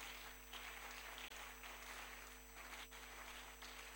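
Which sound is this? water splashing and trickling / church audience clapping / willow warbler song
church audience clapping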